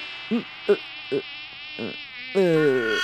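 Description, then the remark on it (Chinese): A housefly buzzes in a thin, continuous whine, broken by a few short chirping blips before the buzz swells louder and wavers toward the end. No one speaks. “苍蝇是意外，但狼一定进不来。”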